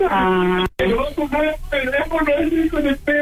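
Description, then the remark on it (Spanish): A man sobs and wails with emotion, his voice wavering in long, strained, tearful cries with a brief catch of breath between them, sounding slightly thin as if over a radio or phone. He is crying from emotion at learning he has a little brother. “¿Está llorando mi hermano? Sí, está llorando porque es de tanta emoción de saber que tiene un hermanito como tú”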